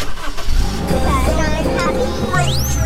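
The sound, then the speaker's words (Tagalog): A car engine rumbles steadily, then revs sharply near the end with a rising whine, loud and continuous throughout, with a voice faintly mixed in. “Kaya make sure na nasa kondisyon ang sasakyan. Yung makina, preno, gulong, baterya, radiator, check mo yan para hindi magkaaberya sa daan.”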